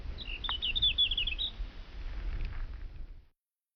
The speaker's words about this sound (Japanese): 鳥だけが鳴いてる。本当の静寂の世界だね。